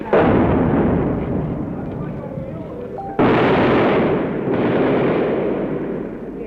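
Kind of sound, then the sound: gunfire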